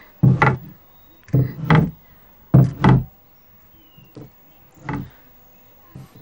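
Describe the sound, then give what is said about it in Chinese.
Heavy wooden door panels of a medicine shop thud shut in a series of paired knocks, three strong bangs followed by a few softer taps, with no voices, as the shop is closed for the day for stock-taking. “今日关门盘点，你们都出去。”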